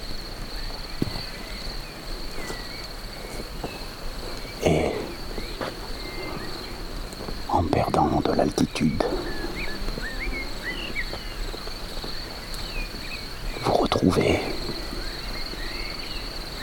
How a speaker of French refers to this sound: les champs verdoyants, les champs des grillons.